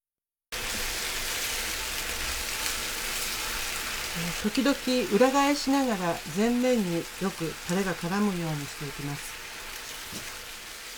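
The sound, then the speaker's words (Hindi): Steady, crackling sizzle of already-cooked chicken fillet pieces put back into a pan of boiling teriyaki sauce over low heat, a dense hiss running the whole time, with a person speaking over it partway through. “जब सॉस में उबाल आ जाए तो मुर्गी के फिले वापस पैन में डाल दें।”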